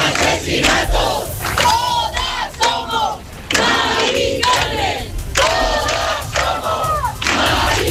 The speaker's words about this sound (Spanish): Y como en otras capitales de provincia, se han escuchado proclamas por el derecho a la vivienda, contra los desahucios y también a favor de la huelga general